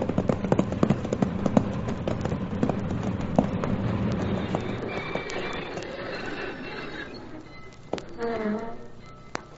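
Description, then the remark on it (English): Horse hooves clip-clop in a quick, uneven rhythm for the first few seconds, fairly loud over a low rumble, then fade as a brief tonal cry rises near the end. “All right, Cherokee, down off that horse and let's go.”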